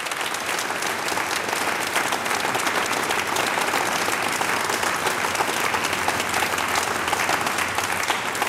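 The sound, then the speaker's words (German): Sustained applause from a sizable audience welcoming a music group, a dense, steady clatter of many hands clapping at even loudness for several seconds, with no voices standing out. “Ich begrüße noch einmal mit einem großen Applaus”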